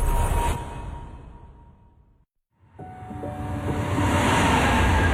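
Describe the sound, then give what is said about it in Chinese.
A subway train rumbles loudly and fades to a brief silence, then another train roars back in, its rising electric motor whine building to a loud pass with no voices. “地铁穿梭，城市喧嚣，人潮匆匆，擦肩而过。”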